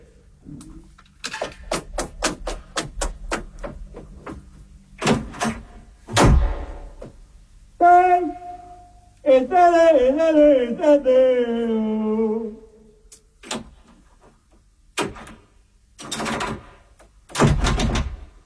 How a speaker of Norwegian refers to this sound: Jeg har låst meg ut. Det er vranglås på døren her nå.